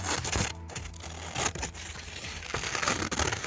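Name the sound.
scissors cutting paper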